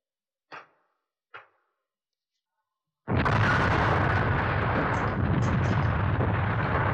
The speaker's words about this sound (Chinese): 随着这一声巨响，拳头大的石块铺天盖地地向敌人砸下去，敌人就像开水浇了蚂蚁窝